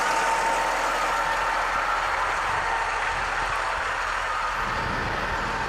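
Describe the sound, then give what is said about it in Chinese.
A newly introduced driverless tractor with a deep-tillage plough runs steadily and loudly during spring ploughing on the North China Plain, a continuous rumbling drone with a faint knocking texture and no voices, holding an even level throughout. “新引进的无人驾驶的拖拉机”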